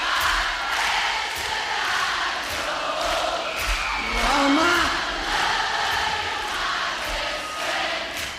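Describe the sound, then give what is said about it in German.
A large live concert audience, heard on a live album recording, roars in a dense, sustained wash of massed voices as it sings along, loud and continuous, with a swell of chant-like singing rising out of the crowd midway. “Da gibt es eine Live-Aufnahme, live, absolutely live, ein Live-Album, wo das Publikum beinahe mehr singt als er.”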